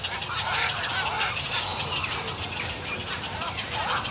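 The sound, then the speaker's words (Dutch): A dense, continuous chorus of many birds in a breeding colony calling over one another, harsh honking and squawking cries overlapping steadily with no pauses. “Je merkt dat zodra die jongen gevoerd worden, is er meer activiteit in de kolonie meteen, hè?”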